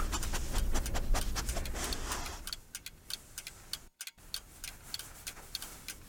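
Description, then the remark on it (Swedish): Steady ticking of several clocks in a house, in a regular rhythm, sharp clicks over a low rumbling hum that fades after a couple of seconds, leaving the ticks alone, with a brief dropout midway. “Medan doften spred sig i huset lyssnade jag på de tickande klockorna”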